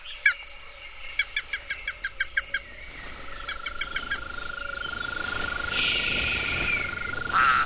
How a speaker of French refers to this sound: Regarde. Les crapauds sortent de leur cachette